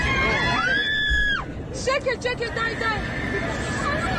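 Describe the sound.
A loud, high-pitched passenger scream rises and holds for about a second over a dense, rumbling crowd hubbub inside an airplane cabin as the plane drops during its descent, followed by scattered shouting voices amid steady background noise.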